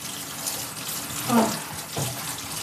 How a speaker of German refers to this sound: Als ich später die Aufnahmen anhöre, wird mir bewusst, dass ich fast permanent alles abwische und heiß abspüle.